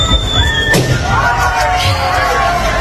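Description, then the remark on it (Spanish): A person whistles a shrill whistle that slides downward, then another person pops a balloon with a pin in a single sharp burst, followed by further wavering whistled tones over a steady, noisy background murmur. “Como una persona, pues, sí, una sí, persona silbando, mucha investigación, sí, una persona silbando y otra explotando un globo con un alfiler, ¿no?”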